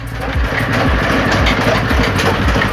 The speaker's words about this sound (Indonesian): Setelah direndam, kolang-kaling akan dimasukkan ke mesin untuk dipres atau dipipihkan.